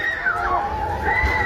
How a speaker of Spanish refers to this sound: Escuchamos de nuevo gritos, el ruido de lo que son edificios que se están cayendo en este pequeño pueblo al oeste de Caracas. Quien graba, el protagonista, es un hombre. Bueno, vemos cómo se están derrumbando los inmuebles detrás de él.